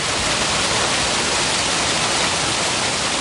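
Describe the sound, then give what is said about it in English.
A heavy rain and hail storm in Green Bay on a Wednesday pours down in a dense, steady roar, loud, with no letup or voices for the whole few seconds. “So, yeah, so some areas, not every place, but a lot of areas got hit with the water and the heavy rain on Wednesday.”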